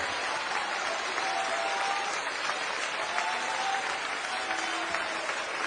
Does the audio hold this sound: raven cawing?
no